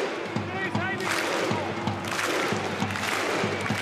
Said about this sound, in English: Here's a little ad hoc Viking clap from the Canberra fans here. Love it.